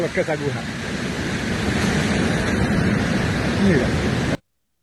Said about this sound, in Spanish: Bueno, como ustedes veían, es una suma de factores lo que está generando en ese momento el fuerte oleaje que se mantiene en el Pacífico de Costa Rica y con mayor intensidad específicamente en el Pacífico Norte.